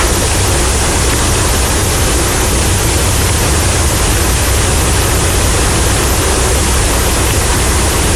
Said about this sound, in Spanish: se convirtió en un verdadero río, arrastrando a su paso una gran cantidad de basura, recipientes de plástico y hasta piedras. El agua cubrió ambos sentidos de la acera, imposibilitando el libre tránsito de los automotores y peatones.